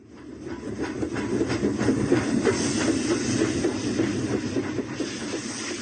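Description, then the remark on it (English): A steam train hisses and chuffs steadily as it pulls away, a loud wash of steam noise with regular rhythmic puffs and a low rumble underneath, no voices. “The boy with a notebook wrote down his poem and caught the train.”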